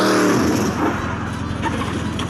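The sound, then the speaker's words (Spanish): The freshly repaired engine of a 1981 Camaro roars loudly, revving with a steady low throbbing rumble that fills the whole moment without letting up. “Le acababa de arreglar el motor.”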